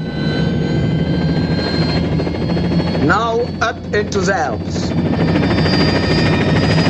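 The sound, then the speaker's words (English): The rotor blades of an orange and white helicopter begin to spin, whirring loudly and steadily in a snowy mountain landscape, a dense mechanical roar that fills the whole stretch, while a voice speaks briefly over it partway through. “From the road below, Campbell watches the chopper blades begin to spin.”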